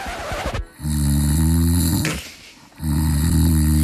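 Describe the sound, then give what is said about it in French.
A sleeping spouse snoring loudly in bed, two long rumbling inhalations with strong low harmonic buzz, separated by a brief breathy exhale, with no talking. “Oui, votre conjoint dort et oui, votre conjoint ronfle.”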